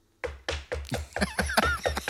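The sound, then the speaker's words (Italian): A quick series of about eight evenly spaced knocks, fairly loud, with a faint squeaky tone creeping in over the later raps. “Questo si è sentito. Hanno bussato.”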